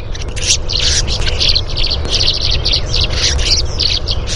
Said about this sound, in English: But there is in there, if you listen very closely, there's something we call a rasp call. It's a very harsh note that the tree swallow gives at the bottom of a dive as it approaches the threat.